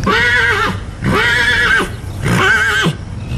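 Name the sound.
horse neighing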